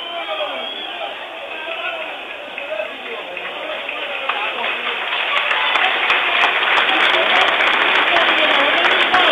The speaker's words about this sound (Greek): Συνεχίζουν να χειροκροτούν, φαίνεται να έχει χτυπήσει σοβαρά ο Παυλένκα.